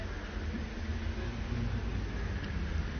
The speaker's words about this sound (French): Encore un instant d'accalmie. Un cycliste, boulevard Saint-Germain, départ des voitures